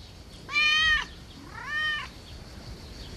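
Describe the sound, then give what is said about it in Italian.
A cat meows twice, a louder drawn-out meow followed by a slightly softer, shorter one, against faint background noise with no talking. “È scappato il gatto!”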